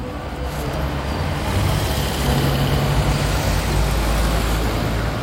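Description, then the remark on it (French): Steady city street traffic rumbles throughout on rue du Faubourg Saint-Honoré, with heavy vehicles like trucks or buses passing by and a dense low engine drone filling the scene; no one speaks. “Une voiture est stationnée sur le bas-côté, quelque part, rue du Faubourg Saint-Honoré.”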